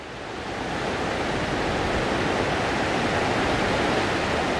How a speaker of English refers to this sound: New York City has exactly one freshwater river, and it happens to flow right through the middle of NYBG.